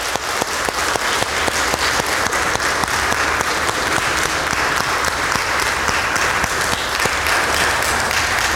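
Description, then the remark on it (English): A crowd applauds steadily for a group of people asked to stand, dense overlapping claps forming a loud, continuous wash of sound that holds at an even level for several seconds without voices. “Give them a hand.”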